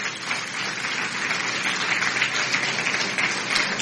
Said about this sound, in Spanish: Un aplauso a Jesucristo nuestro Señor.